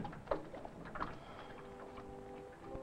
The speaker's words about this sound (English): Small powered boats generally have a small motor similar to this one, with a rope start, about like a home lawnmower. Never stand to pull the rope.